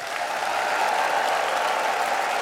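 An audience of about 900 people in a full large broadcast hall (Sendesaal) claps in a dense, continuous wash of applause, with whistles and cheering mixed in, loud and sustained from start to finish, welcoming a guest.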